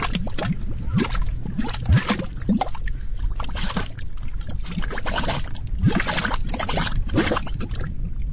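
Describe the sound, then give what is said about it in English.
Bubbling mud pots spitting gray mud spit and plop continuously, with thick, irregular bursts and occasional deeper gulping pops over a steady low churning. No voices are heard. “These are mud pots. They look like little volcanoes spitting gray mud.”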